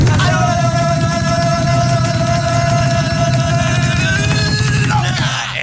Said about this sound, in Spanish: ¿Listos, preparados con el grito de guerra? ¿Están listos, chicos? Sí, capitán, estamos listos. En 3, 2, 1.